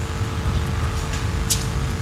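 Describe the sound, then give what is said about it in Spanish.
Steady low rumble of idling city buses, bound for Cerro Corá, in slow morning street traffic in the central area of Luque, a constant engine hum underneath, with a short sharp hiss of air brakes partway through. “Todos estos colectivos tienen que ir hasta Cerro Corá y los que van a ir hasta las residentes tienen que esperar el semáforo.”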